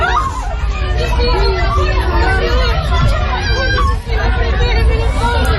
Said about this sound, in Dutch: Allerlei landen willen Venezuela helpen na de 2 zware aardbevingen in het land. Veel gebouwen zijn kapot. Mensen renden in paniek op straat, is te horen op deze beelden.